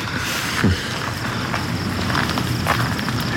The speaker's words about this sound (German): Nach der ganzen Aufregung tut es gut, ein paar Schritte zu gehen. Das ist wahr.